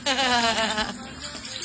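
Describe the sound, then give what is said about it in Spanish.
Floodwater that has entered a house being swept with a broom makes a steady wet swishing hiss over under two seconds, with a brief voice audible at the start. “No, parecía que está echando una miada, pero no, está barriendo el agua.”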